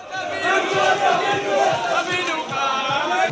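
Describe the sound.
At Tel Aviv airport in the evening, a crowd cheers and shouts in welcome to arriving people, a dense, sustained roar of many voices with overlapping whoops and calls, loud and continuous throughout.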